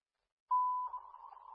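A weather alert tone for a National Weather Service severe thunderstorm watch for Racine County sounds: a single clear, steady electronic beep that shifts into a rougher, warbling tone at the same pitch, fairly loud with no voices.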